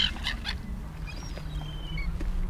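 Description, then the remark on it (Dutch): A herring gull just in front gives a few harsh, nasal calls at the start, followed by thin, high drawn-out whining notes, all over a steady low rumble like an engine. “Dat roep van de. Dat is die zilvermeeuw hier vlak voor ons.”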